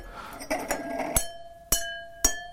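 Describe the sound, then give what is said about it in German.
Three stemmed wine glasses are tapped with a pen in an editorial office: a few soft taps, then three crisp, evenly spaced strikes, each leaving a clear, sustained ringing tone that lingers before the next. “Ich nehme mal einen Stift hier. Klingt eigentlich schön. Drei Gläser hast du gefunden. Genau. Das sind so Stielgläser.”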